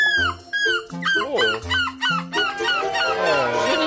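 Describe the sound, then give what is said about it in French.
A participant in a seagull-cry imitation contest in Belgium imitates a seagull's cry with a rapid run of loud, squawking calls, each sliding in pitch, building into a longer wavering screech at the end. “Hier, sur RTS Info, je découvre qu'il y a un concours d'imitation du cri de la mouette en Belgique.”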